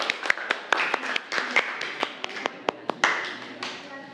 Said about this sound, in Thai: ถ้าพร้อมแล้วนะคะเดี๋ยวเชิญกลุ่มหนึ่งเลยค่ะอ่ะปรบมือให้กำลังใจเพื่อนหน่อย